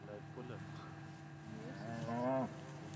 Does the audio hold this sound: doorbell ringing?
no